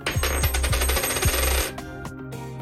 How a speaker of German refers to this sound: Also werfen wir eine Münze.